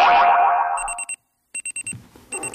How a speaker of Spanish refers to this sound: El despertador.